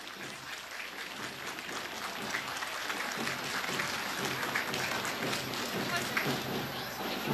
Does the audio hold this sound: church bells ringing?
no